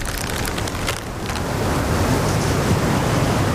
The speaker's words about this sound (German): Duert nicht mehr lang. Das Unwetter, mein ich.